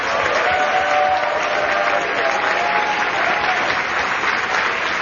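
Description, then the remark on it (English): Sustained audience applause for the DNC Rules and Bylaws Committee members, a dense, steady wash of many hands clapping at an even, loud level for about five seconds with no voices standing out. “As a point of personal privilege, I'd like for all the Rules and Bylaws Committee members to stand, and I ask humbly that the members give them a great round of applause.”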